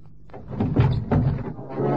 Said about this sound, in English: I am opening the truck door, Peralta. Now.